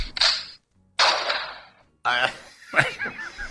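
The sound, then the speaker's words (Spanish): Two sharp gunshot bangs, about a second apart, each with a short decaying tail, followed by people talking and laughing. “Ambos son tiros.”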